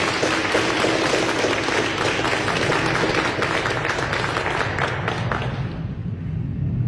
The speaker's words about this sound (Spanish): Que viva nuestra Iglesia Católica. Que viva. Fuertes aplausos a todos.